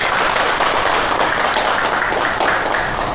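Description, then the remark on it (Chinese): Office colleagues clapping together to welcome a new colleague joining the marketing department, a steady, dense burst of applause that holds at an even loudness for a few seconds, with no voices over it. “今天呢，我们市场部有一位新同事要加入，大家鼓掌欢迎。”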